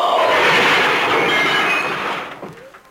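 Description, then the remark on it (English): A car's brakes give a loud, sustained screech, harsh and high-pitched with a shrill whine on top, as a car driving home from a party fails to stop for another car. It holds steady for about two seconds before fading away. No one speaks. “Suddenly, another car! Too late to stop! No!”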